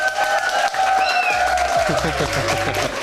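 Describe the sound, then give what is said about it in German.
Steady applause from an audience at a primary school in Bad Lobenstein, honouring a volunteer reader as 'Held der Zuckertüte 2026'; dense clapping that holds at an even level throughout, with some voices and cheering mixed into the crowd noise. “Held der Zuckertüte 2026, einen Applaus”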